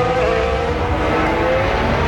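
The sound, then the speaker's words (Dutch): A loud, steady roar of racing engines with a high whining tone that climbs slightly, as traffic comes along the track in front of Albon during a Formula 1 practice session, with no voices. “Daar komt nog wat verkeer aan, hoor.”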